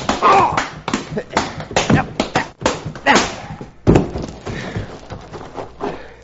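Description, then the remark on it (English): A noisy fistfight: a rapid, irregular series of sharp punches landing on a man's chin, mixed with grunts, shuffling and struggling voices. “I bruised my knuckles on this polecat's chin.”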